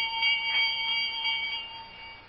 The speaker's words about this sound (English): I'm trying to see where that bell came from. What bell?